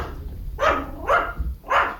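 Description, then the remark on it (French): A dog barks three times in a steady rhythm, each bark sharp, with a low background rumble and no voices, greeting visitors as they enter a small ryokan inn. “accueillis par les aboiements d'un chien.”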